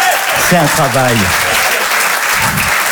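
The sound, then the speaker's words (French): Steady applause fills the whole clip as a dense, even clatter, with a brief vocal sound rising over it near the start. “Elle applaudit en plus.”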